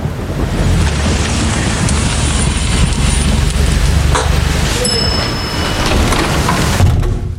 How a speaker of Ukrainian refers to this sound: Дощ лишається за дверима.